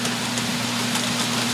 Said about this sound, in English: And here comes the rain. The outdoor mic there.